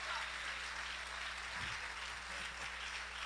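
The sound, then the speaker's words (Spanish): An audience at a church service claps steadily in applause for the Lord, a dense wash of many hands for a few seconds, with faint low voices murmuring underneath. “Denle un aplauso fuerte al Señor en esta preciosa hora.”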